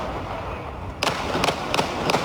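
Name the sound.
gunshots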